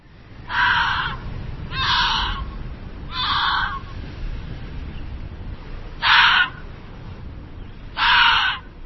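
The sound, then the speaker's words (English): An Arctic fox gives five harsh, raspy, screeching calls, each under a second long, spaced unevenly with pauses between. They stand out loudly over a steady low rumbling background. “This is the sound of an Arctic fox.”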